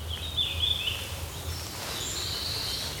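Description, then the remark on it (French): Soft, delicate bird song: thin high-pitched notes drifting in a faint continuous thread, quiet over a low outdoor rumble, with no voices. “Et ce chant est vraiment... Il est tout discret, tout fin.”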